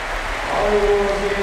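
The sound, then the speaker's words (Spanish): A stadium crowd rises to give Luka Modric a sustained ovation as he is substituted off, a dense wash of applause and cheering that swells slightly partway through, with a faint held whistle-like tone rising above the roar. “Vamos a escuchar la ovación del Pol Jut.”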